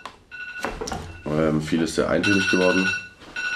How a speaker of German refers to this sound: Telefon klingelt. Ja, Telefon klingelt. Ja. Check mal, was die Lage. Ja, während unser Boardman kurz ans Telefon geht. Nein, das war nur der Timer. Das war der Timer.